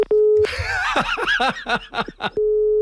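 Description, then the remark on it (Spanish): A steady telephone dial tone hums briefly, gets interrupted by a burst of breathy snickering laughter, then the flat dial tone returns once the call has hung up. “¿Se me ha vuelto a colgar el teléfono?”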